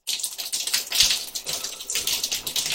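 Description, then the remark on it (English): Steady shower water splashes and patters into a container as it is collected to measure the flow, a continuous bright hiss with uneven, rippling surges and no voices over it. “Now you're just dripping everywhere.”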